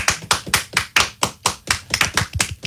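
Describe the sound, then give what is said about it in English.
Three people clap together in a brisk, steady rhythm of sharp, bright slaps, their claps slightly out of sync so some hits blur together. No one speaks. “The sound of three people clapping”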